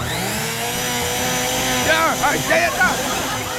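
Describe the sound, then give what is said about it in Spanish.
A blender whirs steadily, a loud, continuous motor drone that holds throughout, with a brief voice rising over the noise partway through. “Ya prendió la licuadora.”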